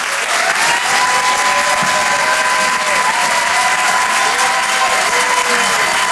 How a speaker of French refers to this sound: Merci d'applaudir et d'accueillir Karim Duval.